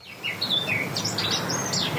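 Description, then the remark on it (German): A Eurasian blackcap sings in Germany, a rapid, varied run of bright whistled and warbled notes, clear, continuing without pause over a soft background hiss. “So klingt sie bei uns. Eine Mönchsgrasmücke.”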